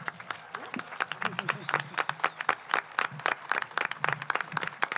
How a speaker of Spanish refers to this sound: Podemos contar 1, 2, 3, 4, 5, así hasta 30 años de la Escuela Municipal de Música y Danza de Cercedilla, lo cual ya se merece un aplauso muy grande, por favor.